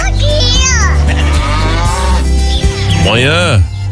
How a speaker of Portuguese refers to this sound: E a vaca mugiu!